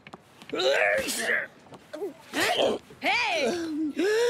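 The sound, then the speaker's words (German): The character Super Edgar makes a run of wet, breathy sniffling noises mixed with whiny, sliding vocal sounds, coming in several loud bursts with short pauses between them. “Das ist Super Edgar, der schnieft.”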